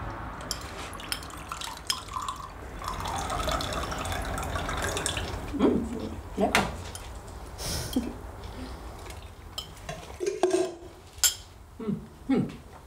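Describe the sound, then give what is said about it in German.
Lemonade is poured into a glass in a steady gurgling stream, followed by scattered clinks and taps of glassware and dishes, with faint voices in the background. “Kannst du mir was auffüllen? Ja. Aber so ein bisschen irgendwie erstmal. Ja. So. Schön. Und die Limonade auch.”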